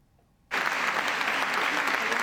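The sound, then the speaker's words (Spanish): A crowd in Ponferrada breaks into sustained applause for Nevenka Fernández on her return 25 years later, at the Justicia, Voces y Memoria event, after a moment of quiet, the dense clapping starting abruptly and holding steady and loud until the end. “Un largo aplauso tras su regreso 25 años después de convertirse en la primera mujer en denunciar acoso sexual en política.”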